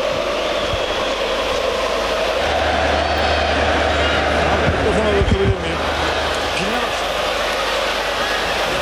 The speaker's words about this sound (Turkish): Onaçu ve kaptan Savic kupayı taraftarına götürüyor. Tezahüratlara kulak verelim biraz. Haydi Trabzonspor'un tezahüratlarını dinleyelim.